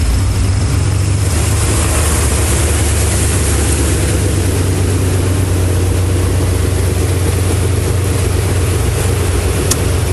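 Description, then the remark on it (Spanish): The heavy engine of a public transport bus rumbles loudly and steadily while a continuous wash of water surges around it as buses cross critical flooding near the Capu, on Boulevard Norte and at the crossing of Héroe de Nacozari avenue with 15 Norte street. No one speaks. “Algunas unidades de transporte público se arriesgaron a cruzar por la zona.”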